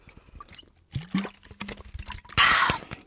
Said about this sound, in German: Moment, ich muss kurz einen Schluck trinken.